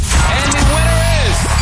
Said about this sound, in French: Alors, je vais tenter du papier bulle qu'on claque, qu'on écrase.